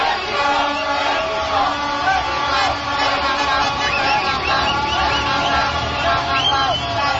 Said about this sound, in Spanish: Aunque un solo gol dio la victoria a los seleccionados mexicanos, fue suficiente para que miles de gargantas se unieran en un solo grito de festejo.